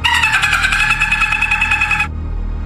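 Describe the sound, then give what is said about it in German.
A person imitates a dolphin with a high, buzzy, rapidly pulsing chatter that holds steady for about two seconds and then cuts off abruptly, leaving a low background rumble. “Ist dieser Ton ein Delfin oder ein Mensch?”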